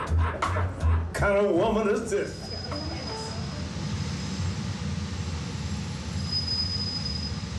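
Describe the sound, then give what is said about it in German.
A Chicago elevated metro train, on a fast line raised on stilts among skyscrapers, rolls along the tracks, opening with a few rhythmic wheel clacks and a brief metallic whine, then settling into a steady rumble with a thin, high wheel squeal. “Dann die schnellste Metrolinie, die sich auf Stelzen durch das Hochhausgebirge schlängelt.”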